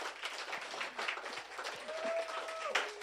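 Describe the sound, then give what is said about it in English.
A crowd applauds steadily, many hands clapping in a dense, continuous patter at moderate volume, with a brief whistle and a few faint voices rising over it. “I think we can have a round of applause for that, please, because it's so important to connect people all over.”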